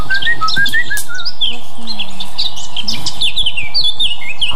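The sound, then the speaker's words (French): A blackcap sings a rapid, fluty warble of bright whistled notes, continuous, with other birds chirping faintly in the background and no voices. “C'est lui qu'on dit que c'est le rossignol de Mars, parce qu'il arrive avant lui et il chante déjà, il met de la mélodie, de la couleur dans les chants, qu'on a l'habitude.”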